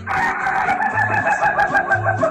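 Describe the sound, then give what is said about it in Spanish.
A rooster on a farm crows loudly, its strained, warbling call stretching through the whole moment, while a low, repeating bass tone pulses beneath it. “La única finca que no tiene un gallo que cacaraquea o quiquiriquea, sino que tiene un gallo quisquilloso.”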